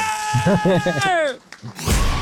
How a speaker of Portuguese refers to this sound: sempre com uma coisinha diferente e com esse berro maravilhoso